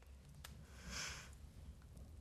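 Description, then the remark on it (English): A woman gives one soft, drawn-out sniff at milk in a canteen, quiet and breathy, against a faint low background hum, with no one speaking. “She sniffs the milk.”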